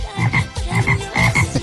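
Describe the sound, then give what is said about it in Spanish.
A frog or toad croaks repeatedly in a quick, pulsing rhythm, the rough calls loud, with no voices over them. “Hasta el sapo entra el día.”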